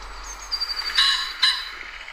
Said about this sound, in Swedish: Annars hör man ju, det är ju det här fågelljudet man menar i bakgrunden egentligen. Det är det jag menar att man blir pigg om.